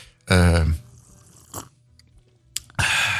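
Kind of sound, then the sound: food or drink, loud slurp of coffee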